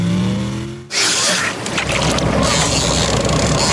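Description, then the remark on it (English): A Barkrusher plate aluminium fishing boat's low humming engine drone gives way after a second to loud, steady rushing of water and wind as the hull cuts across the surface, continuing without pause. “And Barkrusher, Australia's leading fishing boat builder, has the perfect weapon for you.”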